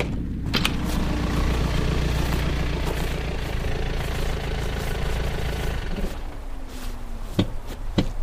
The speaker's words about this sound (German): Da kommt ein Wagen. Das wird die Polizei sein.